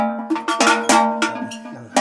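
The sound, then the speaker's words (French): Cowbells used only for taking cows up to mountain pasture clank repeatedly in an uneven, overlapping jangle, several metallic strikes with ringing tones, fairly loud, with no talking. “Mais c'est parce que c'est des cloches qu'on met vraiment que pour monter à la montagne.”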